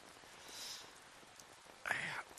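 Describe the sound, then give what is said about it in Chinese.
Rain falling at night and leaking through a house roof, as a soft, steady hiss, fairly quiet and even, with a brief louder rustling burst near the end. “这一下雨啊，这脑壳就疼，疼得睡不着，老毛病。”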